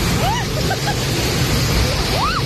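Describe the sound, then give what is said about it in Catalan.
A hailstorm in strong, gusting wind in Olot: a loud, steady roar of rattling ice and rushing air fills the whole clip, with a couple of faint rising-and-falling whistles above it. “Pedregada i fortes ratxes de vent a Olot.”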